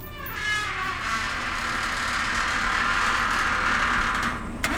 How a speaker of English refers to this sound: He opens the gate to the corral.